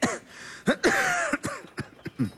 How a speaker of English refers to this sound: I heard you coughing all night.